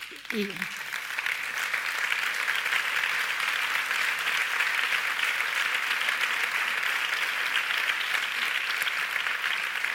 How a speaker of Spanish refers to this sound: Y que este aplauso sirva también para recordar cada uno de sus nombres, cada una de sus historias y señalarnos también el camino que todavía nos queda por recorrer.